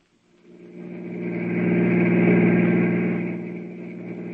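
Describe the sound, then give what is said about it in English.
A car engine drones steadily as the vehicle drives toward a hotel, its low, throaty hum swelling in volume toward the middle and easing slightly near the end, with no voices. “Get the car. I'll tell you more on the way.”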